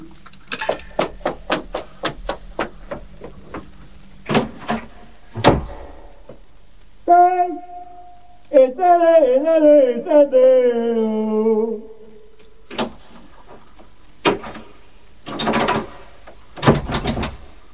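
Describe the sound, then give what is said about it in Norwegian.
A jammed door lock rattles in quick bursts as someone locked out tries the door, followed by heavy knocks and thumps on the door; a drawn-out, wavering voice-like tone sounds midway before more loud knocking. “Jeg har låst deg ut. Det er vranglåst på døren her nå.”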